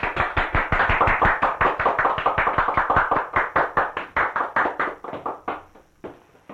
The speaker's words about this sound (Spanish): ¡Aplausos!